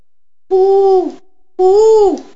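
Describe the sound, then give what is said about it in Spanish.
Two drawn-out, tonal hoots from an owl sitting in a tree, each about two-thirds of a second, separated by a short pause. They are loud and clear, with no talking around them. “¿Qué pasó? Le preguntó el búho.”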